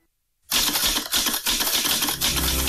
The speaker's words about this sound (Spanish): Antes, una máquina de escribir.